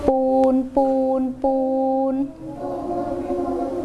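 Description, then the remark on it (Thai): A voice imitates a train whistle with three sustained, tuneful toots, the last one held longest, followed by softer, murmuring vocal sounds. “นั่นเสียงหวูดของรถไฟ”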